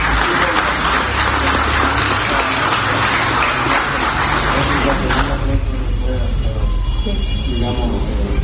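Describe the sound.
Loud, dense audience applause, called for in tribute to someone who made Guatemala known to the world, fills the first five seconds with a steady wash of clapping, then thins out as voices rise and carry on over the fading claps.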